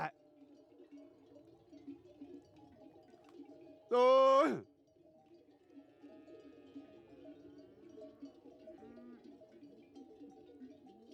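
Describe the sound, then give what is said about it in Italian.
A flock of sheep on the move during transhumance, all taking the same road: one loud, wavering bleat rises above a steady, continuous jangle of livestock bells, with a few fainter calls sounding later. “Vedete, hanno preso tutta la stessa strada. Ma la transumanza,”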